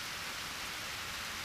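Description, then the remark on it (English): A steady, even hiss of rain falling, soft and continuous with no breaks or individual drops standing out, and no voices. “It looks like you guys are getting soaked. Yeah, he's right. What now? Yeah, what now? Something that likes the rain.”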